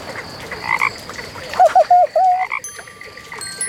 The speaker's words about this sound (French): Et les grenouilles chantent.